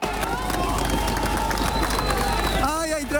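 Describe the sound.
A crowd is loud and busy with clapping and raised, shouting voices as rescuers bring a 3-year-old girl out alive from tons of concrete at the Ariguaní building in Cali; one voice rises above the din near the end. The noise is steady.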